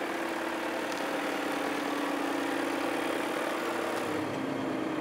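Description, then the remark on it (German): A tractor engine runs steadily throughout, a dense mid-pitched drone with a constant low hum and rattly texture, holding at an even loudness with no voices. “Nicht nur der Boden, der Trecker, der Fluch.”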